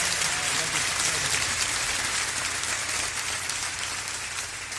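Sustained audience applause, a dense wash of many hands clapping at a steady level for several seconds before easing off slightly at the end.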